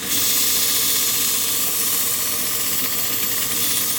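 A dull vegetable knife being sharpened: a steady, loud, gritty hiss of steel grinding against an abrasive surface, continuous throughout with no pauses and no one speaking.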